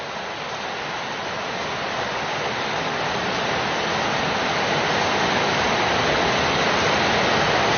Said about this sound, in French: Quand il pleut des trombes comme ça, ils se mettent tous les oiseaux dans le feuillage. Ils s'abritent, ouais. Ils attendent que ça passe.